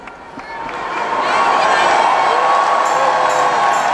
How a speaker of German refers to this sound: Papst Leo wird mit begeistertem Applaus bedacht.